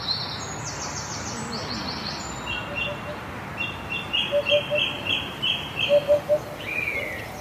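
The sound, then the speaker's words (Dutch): Birds sing in park De Houtkamp in Leiderdorp, with bright chirps early on and then a series of rapid repeated high notes, over a steady low outdoor rumble. “Maar haar aandacht gaat toch vooral uit naar de vogels.”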